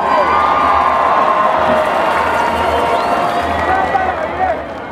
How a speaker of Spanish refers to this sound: Recibamos con un fuerte aplauso a Raíces Ancestrales.